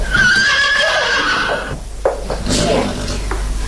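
horse neighing

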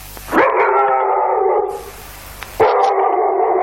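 dog howling

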